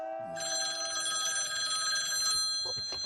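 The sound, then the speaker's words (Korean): A telephone bell at the Dajaba police station rings steadily and loudly for about three seconds, its bright metallic trill sustained throughout with no one speaking over it. “무슨 전화야?”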